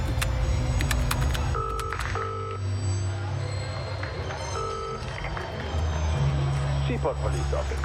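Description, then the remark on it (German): Three short touch-tone dialing beeps on the keypad of a phone booth at a stadium entrance, two close together and then one more after a pause, over a steady rumble of traffic and murmuring voices. “Am Eingang vom Stadion ist eine Telefonzelle. Hast du Kleingeld?”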